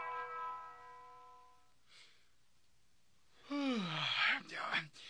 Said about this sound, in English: It's morning already. Better get up, I guess. Oh, that bell, it has no mercy.